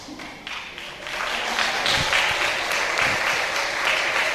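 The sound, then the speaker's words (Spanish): A church audience applauds the Lord together, a dense, steady wash of clapping that swells in the first second and holds at a fairly loud, even level with no one speaking. “Y vamos a aplaudirle al Señor.”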